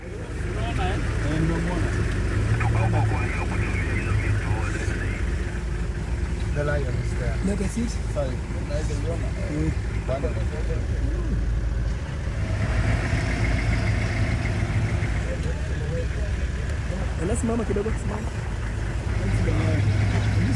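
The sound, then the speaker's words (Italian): A steady, low rumble of a line of tourist car engines idling in traffic as two lions walk in front of the cars, droning continuously for the whole stretch with no breaks, while indistinct voices murmur underneath. “C'è un traffico come fossimo nel centro della città e ci sono due leoni che camminano di fronte a questa fila di macchine, centinaia di turisti, centinaia di telefoni che cercano di scattare la foto che porteranno con sé quando torneranno a casa.”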